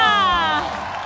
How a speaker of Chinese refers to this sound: 好的，也谢谢这位选手，让我们再一次把掌声送给他。